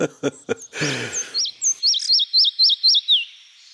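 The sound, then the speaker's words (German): A forest songbird sings a strophe: a few broad opening notes, then a clear series of about seven high, looping whistled phrases repeated evenly before a final downward slur. “Und wenn Sie also mal diese Strophe hier hören, dann wissen Sie, Sie sind im tollen Wald.”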